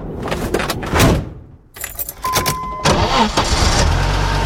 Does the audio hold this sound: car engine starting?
yes